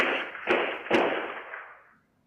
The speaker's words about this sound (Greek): να ακούσουμε τους ήχους από τους πυροβολισμούς που είχαμε χθες. Ένα βίντεο, ακούστε εδώ.